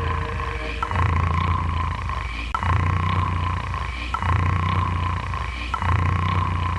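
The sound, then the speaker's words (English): Loud, rough snoring repeats in a steady rhythm, about four deep rumbling breaths, each ending in a brief catch before the next begins, over a constant faint hum. “You're snoring.”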